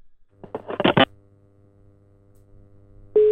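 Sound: telephone call ringing tone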